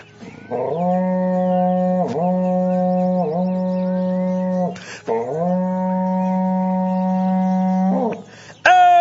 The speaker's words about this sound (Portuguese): para vocês agora um berrante daqueles, olha só.